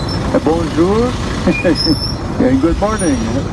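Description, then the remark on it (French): Ambience on an airport tarmac in France: a steady low engine rumble with brief high-pitched whines above it, while several people talk over the noise. “Alors ça c'est l'ambiance qu'il y avait sur le tarmac, on va pouvoir écouter également les quelques mots qu'il a eu pour les journalistes qui étaient présents à bord de son avion.”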